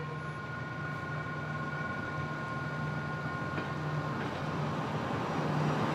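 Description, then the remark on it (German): A railcar rumbles steadily with a low engine drone and several sustained tonal hums, its noise slowly building in loudness as it pulls away from Las Piedras station to head back to Montevideo; no one speaks. “Von hier fährt der Triebwagen wieder nach Montevideo zurück.”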